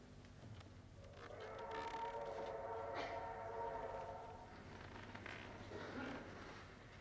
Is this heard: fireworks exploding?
no